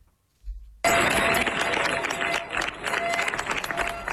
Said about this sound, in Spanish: Así han despedido los vecinos de Niebla entre aplausos a los efectivos de la UME que han comenzado su repliegue tras 10 días de lucha contra un incendio que ha recorrido más de 38.000 hectáreas.